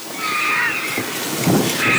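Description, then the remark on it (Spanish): Water drips steadily from holm oak canopies onto the ground after a downpour, a soft continuous patter with no voices, while faint higher calls of cackling vultures and a grey heron come from the background, in late afternoon toward dusk as the storm moves off toward Gredos. “ya solamente escuchamos el goteo del agua que cae de las copas de los árboles de las encinas sobre el suelo”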